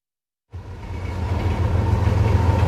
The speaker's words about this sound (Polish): znajdujemy się w pociągu, którym z Gdańska jedziemy do Gdyni